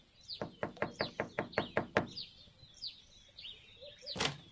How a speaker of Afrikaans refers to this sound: Toe stap sy verder, totdat sy by 'n huis aankom, en sy klop aan die deur.